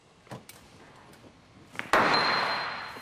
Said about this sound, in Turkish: Üzerine gerilim uygulayıp iç kısmına vurmak istiyorum. Bazen bu inatçı göçükleri düzeltmek için çekiç ve darbe tekniğini kullanmak gerekiyor. Her zaman işe yarar.